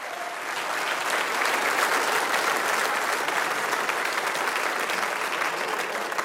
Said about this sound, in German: Einen kräftigen Applaus.